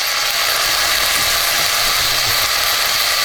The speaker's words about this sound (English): This is supposedly one of the most satisfying food sounds. Sizzling bacon.